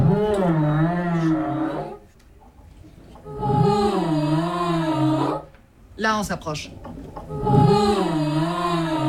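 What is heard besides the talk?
humpback whale song underwater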